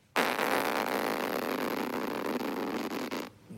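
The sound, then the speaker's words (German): A voice imitates a plastic zipper on a campsite with one long, steady, raspy buzz lasting about three seconds. It starts abruptly, holds an even loudness throughout, and cuts off sharply, with no other sounds. “Das war der Reißverschluss auf dem Campingplatz.”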